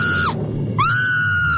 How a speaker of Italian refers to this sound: Oddio, che? Perché quel grido, cara? Ti ha fatto impressione?